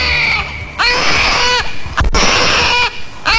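A newborn baby boy cries loudly in a forest wilderness just after his birth, in two long, strained wails with a short gasp between them, the high harmonic cries rising and falling with no one speaking.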